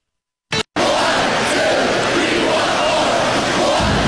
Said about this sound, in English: Badger hockey fan knows that cheer.